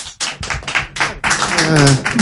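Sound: lukewarm audience applause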